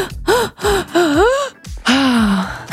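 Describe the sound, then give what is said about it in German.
A person does a breathing exercise, taking five quick, loud, voiced gasping breaths in, with a rising and falling pitch, then lets out one longer drawn-out exhalation. No talking. “Atmet 5-mal ein und nur 1-mal aus.”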